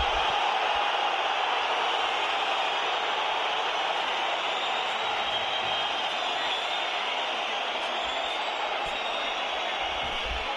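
A large crowd at Riazor stadium roars and shouts at the referee at the end of the first half, with shouts of 'fuera, fuera', in a dense, unbroken wall of noise that stays loud and steady for the whole stretch, with no single voice standing out.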